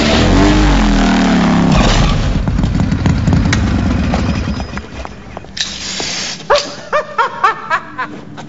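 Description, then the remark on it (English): A loud motorcycle engine roars, then fades into a sudden crashing impact as the motorcycle hits a wall, followed by a series of sharp dog barks. “The dentist crashes into a wall on his motorcycle.”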